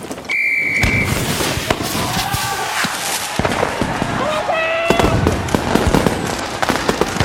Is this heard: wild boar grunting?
no